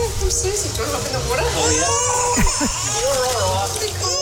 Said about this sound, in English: She's loving it. Oh, my God, baby's crying.